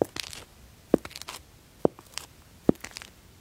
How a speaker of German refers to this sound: So, das war jetzt eher so eine traurige, vielleicht melancholische Schritte.